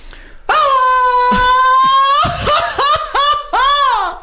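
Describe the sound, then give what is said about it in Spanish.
One loud voice lets out a traditional Mexican grito: a long sustained high wail that breaks into quick, laughing yelps with swooping pitch. “Porque ustedes van a poder ganar boletos con el grito que estamos haciendo ahorita.”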